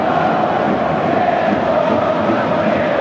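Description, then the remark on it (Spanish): A dense, steady roar of Japanese fans shouting in a stadium in Houston during a Brazil versus Japan football match, loud and continuous for the whole stretch, with many voices blending into one broad wash of noise and no single voice standing out. “Muchas camisetas amarillas, pero los que gritan son los japoneses, ¿eh?”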